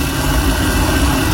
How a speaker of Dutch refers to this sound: Mijn waterkoker. Ja, duidelijk. Ja, wel een keiharde waterkoker.